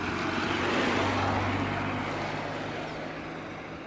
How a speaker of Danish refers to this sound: Og det var så en bil, vi hørte nu, og ikke en fugl.